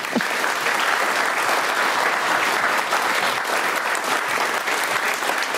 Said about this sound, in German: Und wir haben zurzeit nicht nur einen rauschenden Applaus, sondern auch noch eine rauschende Klimaanlage.